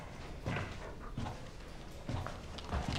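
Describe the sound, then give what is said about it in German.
A dog at a police station makes four short, muffled vocal bursts at irregular intervals over a steady low background hiss, with no one talking. “Der Hund kann nicht hier im Revier bleiben.”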